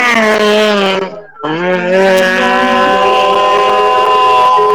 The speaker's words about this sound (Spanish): Va a partir la máquina. 5 de la tarde con 12 minutos lo va a hacer en la categoría UTV. Coche.